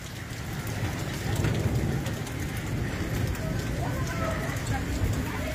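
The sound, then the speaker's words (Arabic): Hailstones pelt the street in Al-Qadmus in a steady, dense roar, with sharper clicks and taps of individual stones striking the ground, continuous and fairly loud throughout. A single hailstone is said to weigh a quarter kilo. “هاي طبعا هاي البرد يوم نزل بالقدموس، ما شاء الله حبة برد بالقدموس اليوم ربع كيلو، مو ربع كيلو، والله ربع كيلو.”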